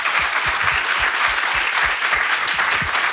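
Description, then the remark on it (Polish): A room full of people claps steadily, dense overlapping hand claps forming a continuous wash of applause, fairly loud and sustained with no talking over it. “Brawa”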